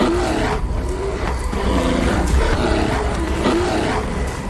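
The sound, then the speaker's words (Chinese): Larger North American grizzly (brown) bears roar and growl while fighting each other, a loud, continuous stretch of deep, rasping snarls with rising and falling bellows and no pauses. No one speaks. “力量和体型开始发挥作用，体型较大的北美棕熊之间开始爆发直接冲突，战斗打响了。”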